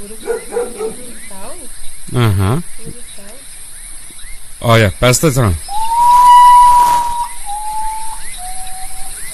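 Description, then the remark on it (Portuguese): People talk briefly, then a common potoo's mournful night call begins: a long, clear whistled note followed by shorter notes, each stepping slightly lower in pitch, steady and plaintive. “O nome desse passarinho aqui é Urutago, né?”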